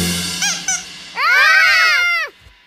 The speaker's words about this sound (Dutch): Ach, het is gewoon het piepen van het eendje uit het bad.